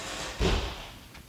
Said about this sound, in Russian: Как это не будет? Почему она захлопнула дверь?